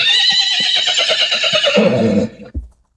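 A loud horse whinny rings out for about two and a half seconds, quavering rapidly and sliding downward before ending in a short, low snort.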